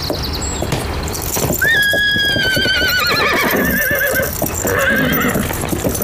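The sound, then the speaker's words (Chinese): A horse gives a loud, shrill whinny that wavers and slides downward, then a shorter second neigh follows, over steady scuffling and clopping hooves. “卫青初来乍到，这匹马恐怕有点认生。”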